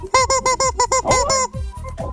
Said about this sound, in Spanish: Hasta el pollo te manda saludos. Mira, hasta el pollito te manda saludos. Te va a saludar el pollo. Sí, mira, escucha.